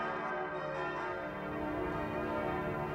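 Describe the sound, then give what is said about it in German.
Church bells of the Martinskirche, the 'Dom der Sickinger Höhe', in Martinshöhe ring out loudly and continuously, their overlapping tones blending into a rich, sustained wash of sound with no voices present. “Vom Klang der Schalen zum Klang der Glocken.”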